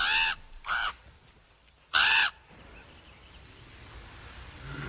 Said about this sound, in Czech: To je gavran, čuješ? A neka je. Kakav nemili krik. Iz crne magle glas.